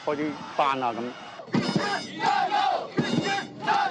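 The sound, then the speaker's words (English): A crowd of sports fans at a game during a holiday roars with cheers and shouted chants, voices overlapping in loud, continuous bursts that swell and surge in waves over about four seconds. “What an energetic way to spend the holiday, surrounded by fans, united by the game.”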